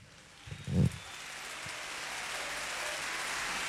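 Steady rain hisses evenly across the whole clip, broad and washy, with a brief low thump near the start before the downpour settles into a constant patter.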